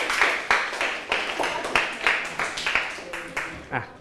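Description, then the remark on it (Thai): A group of students in a class claps for themselves after answering every question correctly, in a steady, fairly quick rhythm for about four seconds, the claps moderately loud and even, with some indistinct voices mixed in underneath. “แสดงว่าพวกเราเข้าใจประเภทของวัฒนธรรมแล้วตอบถูกหมดทุกข้อเลยปรบมือให้ตัวเองดังๆได้เลยครับ”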